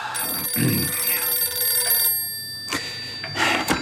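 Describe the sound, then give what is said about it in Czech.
A telephone bell rings with a bright, steady metallic tone, clear, sounding alone with no talking over it. “Tak si sedněte za stůl a hlídejte telefon, kdyby volali ze sněmovny.”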